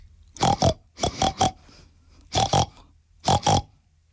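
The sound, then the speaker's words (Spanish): A voice imitates a large pink pig, making four clear bursts of paired oinking grunts with short pauses between them, and no other talking. “Un cerdo, que solo hablaba cerdés. Y el cerdo, en cerdés, dijo así.”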